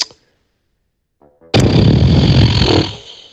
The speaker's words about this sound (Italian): Ma insomma, pernacchia o segno di disappunto?